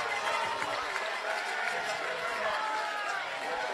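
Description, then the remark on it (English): The stadium crowd at Newman cheers after a Fargo-Moorhead home run to dead center that makes it 2-0, the batter's 7th home run in 8 games; a steady, loud roar of many voices that holds at an even level for the whole stretch without breaks. “And the crowd is loving it here at Newman.”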